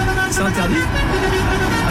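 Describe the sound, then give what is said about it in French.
A novelty car horn toots loudly and continuously, sounding a sustained tune of steady pitches that shift partway through, over a rumble of road traffic. “Mais t'es en train de utiliser un avertisseur sonore de manière intempestive ou les klaxons interdits.”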